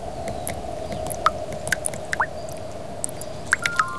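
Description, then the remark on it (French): Rain falls gently on the ground in an irregular patter, a dozen or so crisp, distinct drops plinking one after another over a soft, steady background hiss, with no voices. “il pleut, dit Malo.”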